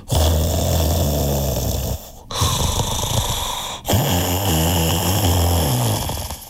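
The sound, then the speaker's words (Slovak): Loud, rumbling snoring of a wolf sprawled on a featherbed after a big meal, three long raspy snores with brief pauses between them, heavy and steady with no talking. “O chvíľu už chrápal.”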